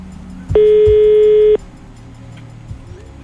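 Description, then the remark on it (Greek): A single steady electronic telephone ringing tone, a call to the first winner of a prize draw, sounds for about a second, loud and clear over a faint murmur of background noise, then stops, with nobody picking up. “Δεν απαντάει.”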